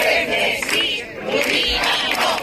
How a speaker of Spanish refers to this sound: En la aldea esta mañana, con gritos de Chernesí, Lubinas no, unas 1.000 personas se han manifestado contra una piscifactoría que se prevé instalar en su costa.